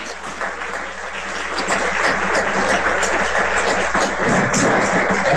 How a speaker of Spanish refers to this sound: Ya, vamos a hacer un aplauso, por favor.